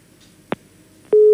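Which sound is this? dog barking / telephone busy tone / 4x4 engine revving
telephone busy tone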